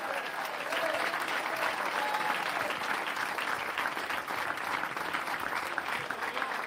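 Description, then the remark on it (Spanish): A large crowd at a religious service claps loudly and steadily in praise of Christ, a dense, continuous wash of applause lasting several seconds with faint voices mixed in. “Dele un fuerte aplauso al Cristo de la gloria.”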